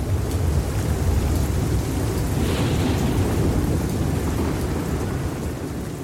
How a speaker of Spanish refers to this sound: La lluvia se escuchaba particularmente fuerte ese día.